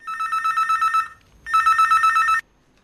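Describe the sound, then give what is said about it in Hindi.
A telephone rings with an incoming call to the Lok Manjari program: two bursts of a bright, warbling electronic trill, each about a second long with a short gap between, loud with no voices. “इधर भैया हमने देखो नंबर बताए और उधर एक फोन और आ गया, देख लेते हैं किसका है।”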